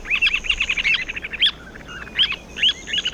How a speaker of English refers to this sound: And to avoid further controversy, we'll wrap up by using the scientific name for today's Talkin' Bird's featured feathered friend, Charadrius semipalmatus.